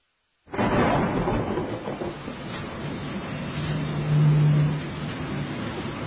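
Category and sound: nature, rain with thunder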